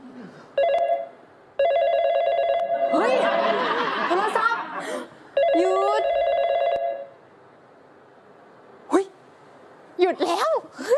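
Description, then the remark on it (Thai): A telephone rings loudly in three long electronic bursts, with people laughing and talking over the middle one. Then the ringing stops, leaving quiet and a few brief voice sounds. “โทรศัพท์หยุด”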